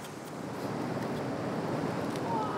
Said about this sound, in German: Und ab und zu kommt eine Welle rein und haut ihn fast weg, aber das gehört wohl dazu.